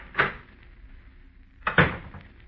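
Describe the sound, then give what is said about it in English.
An office door opens with a clack and, about a second and a half later, shuts with a second, firmer thud. Both sounds are fairly loud, with quiet room tone between them. “I stepped outside the office door and walked over to the brand new stairway of that brand new building.”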